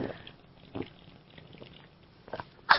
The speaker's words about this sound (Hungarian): Utolsó söröm. Ezt hallottad, ezt a kortyolgatást? Fantasztikus volt.